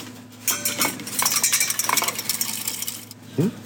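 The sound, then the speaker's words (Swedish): A spoon clinks and scrapes against a pot in quick, uneven bursts as freeze-dried soup from Östersund municipality's meal service is stirred into boiling water, over a steady low hum, with one sharper rattle near the end. “Vi ska koka upp lite vatten och så tillsätta den frystorkade soppan.”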